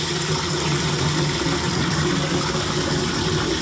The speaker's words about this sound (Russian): с утра пораньше набирает воду в ведра и тазики.